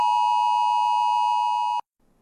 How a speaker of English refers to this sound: That's the sound that rang out from phones across this small town, and it's all part of testing for a new national alert system. And it's coming to your phone soon.